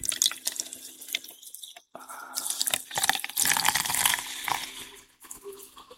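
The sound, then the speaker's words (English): Coca-Cola is poured into a glass with lime and rum to make a rum and Coke, a steady trickling splash with bright fizzy crackle, briefly interrupted near the start before the pour resumes and tapers off. “And the cola. Rum and Coca-Cola.”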